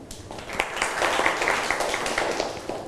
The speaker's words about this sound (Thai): ปรบมือให้เพื่อนหน่อยนะครับ